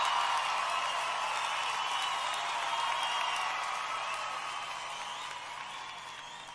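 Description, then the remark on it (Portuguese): A large crowd claps and cheers steadily for the performers in a dense, continuous wash of applause, slowly fading toward the end, with no distinct voices standing out. “Quem gosta desses homens, levantem as suas mãos e batam palmas.”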